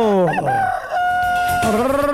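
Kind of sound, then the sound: bird, rooster crowing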